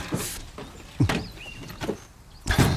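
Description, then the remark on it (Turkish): A car door opens with a series of clunks and latch clicks, then a brief mechanical whine and a final louder thud, with no talking. “Dur. Hadi. Kapı. Bu. İn artık hadi.”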